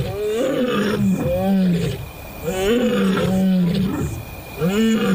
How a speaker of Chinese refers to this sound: 现在布伦特准备播放第二种狮子的吼叫声。这一次不是一只，而是3只成年母狮的吼叫声。